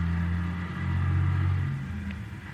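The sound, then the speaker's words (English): A car engine rumbles steadily, its low droning tone shifting slightly as the car, with only one headlight on, comes down a hill along the road, with no voices present. “There's a car coming down the hill toward us.”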